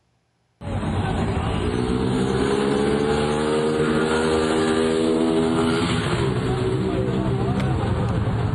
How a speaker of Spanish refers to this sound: El hombre aceleró en una motocicleta y huyó del lugar, dejando atrás a la mujer que lo acompañaba.